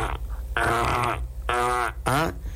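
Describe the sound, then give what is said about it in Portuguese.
Three loud, drawn-out squeaks from a creaking gate hinge, each a strained groaning tone that bends in pitch, the last one rising sharply, with no talking over them. “O portão começou a ranger.”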